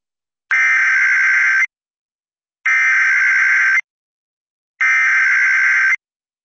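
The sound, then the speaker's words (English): Three identical harsh, buzzy electronic bursts of an emergency alert system test signal for a local area emergency in Pitkin CO, Eagle CO and Garfield CO, each lasting about a second, evenly spaced with short silences between. Loud and steady, with no voices. “The civil authorities have issued a local area emergency for Pitkin CO, Eagle CO, and Garfield CO, beginning at 9.03 a.m.”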